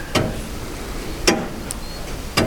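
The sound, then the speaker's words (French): Slow, steady ticking of a very old weight-driven mechanical clock that also strikes, in the dining and living room of an old house: three sharp, resonant ticks about a second apart, with a faint background hum. “Il dégraine le temps et de temps en temps on remonte le poids de l'horloge et le poids de ce qui l'a fait tourner, ce qui l'a fait sonner.”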